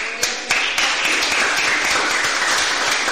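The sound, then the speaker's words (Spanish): Sustained applause from a large church audience applauding God during a Sunday service, a dense, steady wash of many hands clapping at once with a few sharper claps standing out, loud and continuous throughout without any voices. “Denle fuerte aplauso a Dios.”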